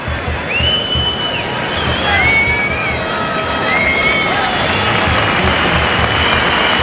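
A large crowd at a bullring applauds a horse steadily throughout, a dense, continuous wash of clapping, with a few high whistles cutting through above the noise.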